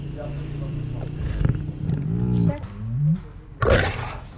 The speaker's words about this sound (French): Ce rugissement n'est pas celui d'un lion dans la savane ou dans un zoo. Il provient d'une petite cage au fond d'un jardin niché à l'arrière d'une maison familiale dans un quartier congestionné de la banlieue de Lahore, dans l'est du Pakistan.